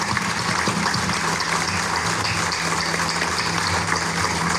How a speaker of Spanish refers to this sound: en donde nos reconoce el director nacional de dengue el trabajo ejemplar que hicieron estos brigadistas, a quienes les quiero igual dirigir un enorme aplauso. Muchísimas gracias, muchachos, por siempre poner el ejemplo de Campeche.